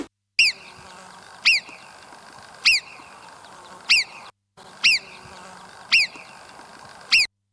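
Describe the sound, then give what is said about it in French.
A fly's low, steady buzzing drones in the background beneath a series of sharp, high chirping calls that repeat at regular intervals, about eight in all, with a brief gap midway. “On entend une mouche voler en arrière-plan.”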